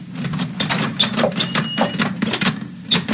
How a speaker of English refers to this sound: Oh, this is ridiculous. I'm opening the door.